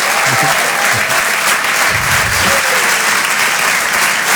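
A crowd applauds comedian Marc Rouget loudly and steadily at the Open du Rire, broadcast live on Rire et Chansons, dense clapping filling the whole stretch without a break, with a faint murmur of voices beneath.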